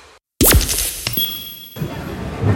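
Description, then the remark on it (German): A mobile phone drops and shatters with a sudden loud crash after a brief silence, followed by tinkling glassy debris and faint ringing tones that fade over a couple of seconds. “Oh nein, mein Handy.”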